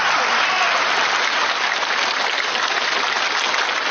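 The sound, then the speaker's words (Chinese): Sustained audience applause at a Peking opera event, a dense, steady wash of many hands clapping at an even, loud level throughout, with no voices standing out. “谢谢大家，那么热情的掌声”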